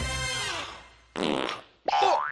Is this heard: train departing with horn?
no